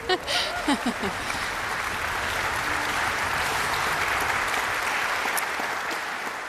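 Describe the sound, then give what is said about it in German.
A concert audience applauds the orchestra's concertmaster steadily for several seconds, a dense, even clatter of many hands clapping, with a few brief voice-like sounds at the very start. “Sie haben gerade sicher schon für ihn geklatscht, aber ich darf Sie noch mal bitten.”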